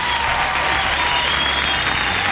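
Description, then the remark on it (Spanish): Loud, sustained applause for a woman who has just won a contest, a dense steady wash of clapping that holds at full level for a couple of seconds with no voices standing out. “Un aplauso bien fuerte para esta mujer, por favor.”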